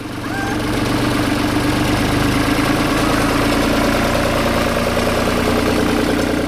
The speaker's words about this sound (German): Beim Soundcheck fährt ein Trecker vorbei.